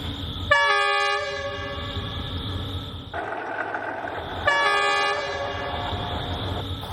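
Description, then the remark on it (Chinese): An S2 line commuter train of Beijing's suburban railway rumbles steadily past over the century-old No. 26 bridge of the old Beijing–Zhangjiakou railway, sounding two long, loud horn blasts separated by a brief gap, with the heavy rolling noise continuing throughout and no voices. “一会儿这个 S2 就要从这儿经过，看看能不能拍到跟百年前一样的角度啊。”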